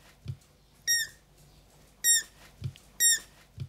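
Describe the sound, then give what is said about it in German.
Young animals squeak for food: three shrill, rubber-toy-like squeaks like a squeaky toy duck, spaced about a second apart, fairly loud, with soft low thumps in between and no talking. “Klingt wie eine quietsche Ente, heißt aber Hunger in der Sprache der Kids.”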